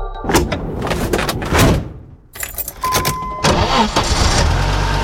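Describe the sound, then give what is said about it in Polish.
A car door thuds and keys jangle, then an engine cranks and starts, settling into a steady rumbling idle, with no voices. “Nie ma problemu. Mamy samochód.”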